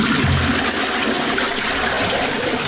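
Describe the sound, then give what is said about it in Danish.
Water rushes and gurgles down a sewer drain in a loud, steady flush that fills the whole moment, a churning whoosh with no voices over it, in an advertisement for Viborg Kloak Service. “Stoppet kloak? Ingen panik.”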